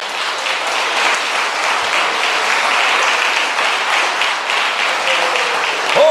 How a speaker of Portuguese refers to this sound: glória a Jesus. Dá louvores a Ele. Aplaude a Ele.